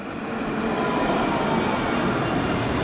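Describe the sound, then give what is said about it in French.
A tram rolls past on the tramway line at a very busy intersection near the Rosbertin stop, a loud, steady rumble and hiss of wheels on rails that holds for a few seconds, with no voices. “Elle les a retrouvés sur la ligne du tramway à un carrefour très emprunté, près de l'arrêt Rosbertin.”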